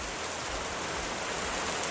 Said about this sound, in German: dann höre ich auf meinem Handy Regengeräusche. Um damit den Kopf frei zu kriegen, funktioniert jedes Mal.